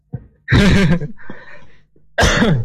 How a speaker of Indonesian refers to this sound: Aduh batuk. Ah gak masalah.